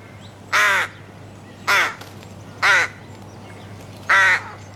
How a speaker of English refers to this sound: Any ideas? Duck. I'm going to say that's a crow. Crow versus duck. Does duck count? Type of bird? Well, yes. I'm like, it sounds kind of crowy to me. Mm. It's actually a rook. A rook? A rook.